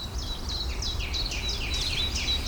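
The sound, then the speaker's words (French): A thrush, one of two present, sings a run of bright, repeated whistled phrases in quick succession, very loudly, fairly clear against a steady low outdoor rumble, with no one talking. “Grive.”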